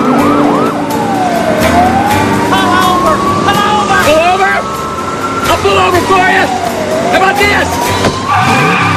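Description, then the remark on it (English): Wailing sirens rise and fall continuously over loud engine roar and traffic noise, with tires screeching briefly near the end, as two police cars race in pursuit of a speeding car. “He checks the position of the squad cars in his wing mirror.”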